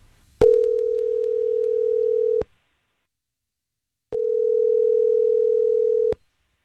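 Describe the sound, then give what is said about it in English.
A telephone ringback tone plays while a call to a woman goes through: two steady, clear electronic rings, each about two seconds long, separated by a short silence. No one speaks. “Go ahead and get your phone. I'm going to call her and see how it went from her perspective.”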